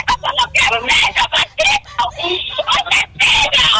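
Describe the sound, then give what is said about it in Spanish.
A woman, a relative and sibling of a homicide victim, screams and wails in loud, ragged bursts, her cries breaking off and starting again in quick succession, distressed, with shouted sobbing speech mixed in. “¿Quién es la mujer que lanza esos gritos?”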